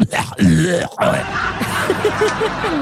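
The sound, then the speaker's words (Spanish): A voice imitates an exaggerated cough: a few loud, raspy, grunting bursts, broken by short gaps and followed by strained, groaning vocal sounds. “Es pues que sí, ya cuando usted escuche toser a alguien así de.”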